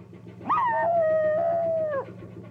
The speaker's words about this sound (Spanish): Otro perrillo ladra desde el techo de una barcaza que navega por un río entre campos.